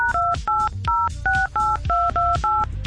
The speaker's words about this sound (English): Live radio, folks. That's how you know you're live, when you hear people dialing numbers.